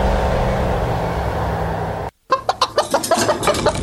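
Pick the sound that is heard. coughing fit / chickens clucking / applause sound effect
chickens clucking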